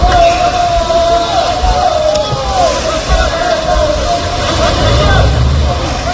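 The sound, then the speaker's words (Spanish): A powerful speedboat's engine drones and whines steadily as migrants land on the beach at Cala de los Dentores, Cartagena, Murcia, Spain, while a crowd of people shout and call out over it, with rough, loud rumbling noise running throughout. “Este es precisamente el sonido del momento exacto en el que ocurría el último desembarco de migrantes de una potente lancha en la playa de la Cala de los Dentores de Cartagena.”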